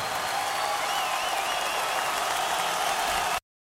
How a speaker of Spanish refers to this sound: ¿Alguien quiere celebrar a Cristo en esta noche? Un aplauso fuerte a Él.